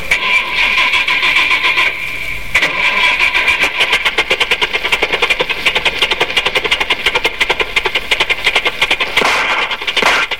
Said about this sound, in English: Hop into our nuclear Batmobile. Now I'll turn on the ignition and we'll hear the purr of the smoothest air-cooled atomic-powered engine in the world.